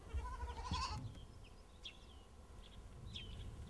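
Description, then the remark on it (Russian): A single high, wavering bleat from a young goat rings out for about a second, followed by quiet outdoor ambience with a few faint bird chirps. “Какой козленочек хорошенький.”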